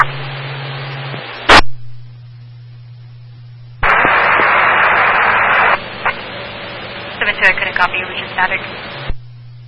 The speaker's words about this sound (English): I couldn't copy, it was just static.